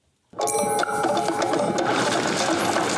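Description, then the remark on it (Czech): The new jingle for this year's Anifilm International Festival of Animated Films in Liberec bursts in after a brief silence, a dense, loud wash of clattering, mechanical-sounding percussion with ringing metallic tones held steadily throughout, no voices. “Jde o novou znělku letošního ročníku Mezinárodního festivalu animovaných filmů Anifilm, jak říká programový ředitel Pavel Horáček.”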